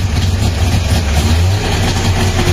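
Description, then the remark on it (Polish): An old Syrena car engine, a car model FSO began producing in 1972, starts and runs with a loud, rough, steady low rumble and slight shifts in revs, continuing throughout with no voices. “To oczywiście syrena została, ten cud techniki został zaprezentowany światu w 1972 czyli roku.”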